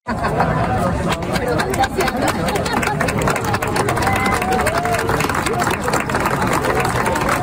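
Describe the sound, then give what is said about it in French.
A large crowd of about 300 to 400 people, including scouts from the Jamboree de Montréal, gathered to watch the sunset, murmurs and chatters continuously, many voices blending into a steady, loud hubbub, with scattered bursts of clapping breaking through now and then. “les gens sont rassemblés, il y a foule et il y a des applaudissements”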